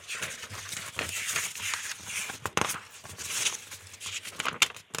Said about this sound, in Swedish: Så får jag bläddra lite här.